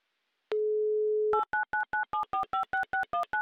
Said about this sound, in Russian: Еще раз набрала номер телефона